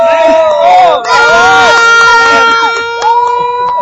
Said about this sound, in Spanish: Pues la afición tiene idea de la selección mexicana, cree que le va a ir bien en este partido contra Australia. Y ahora sí, una porra para México antes de que empiece el partido.